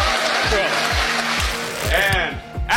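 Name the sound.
audience applause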